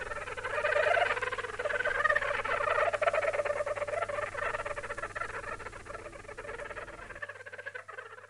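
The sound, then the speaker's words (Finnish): A stoat chatters and squeaks in a rapid, continuous stream of shrill calls for several seconds, fairly loud, with no voices present. “Viikon 33 luontoääni on siis kärppä,”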